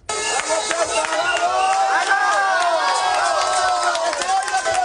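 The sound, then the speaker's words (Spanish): Hundreds of Ceuta residents protest in the streets of Ceuta on a Friday, the third straight day, chanting "invasores, expulsión"; many voices overlap in a loud, continuous roar that swells and presses on for the whole stretch. “La protesta al grito de invasores expulsión se ha desarrollado de forma pacífica.”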